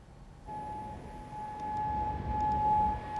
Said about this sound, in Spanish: Las sirenas se han escuchado en Kuwait y en Bahrein. El régimen de los ayatolás responde a los últimos bombardeos de Estados Unidos.